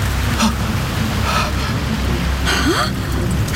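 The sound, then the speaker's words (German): Surf breaking on a beach: a steady, loud roaring wash over a low rumble, with a few brighter hissing surges as waves crash. No one speaks. “Brandungsgeräusche! Wellen schlagen an einen Strand.”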